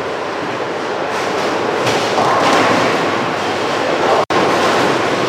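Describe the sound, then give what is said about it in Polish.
At a bowling competition, a bowling ball rumbles loudly and steadily down the lane, with a brighter clatter of pins partway through, all amid continuous alley noise and no talking. “idealnie zbijając wszystkie kręgle”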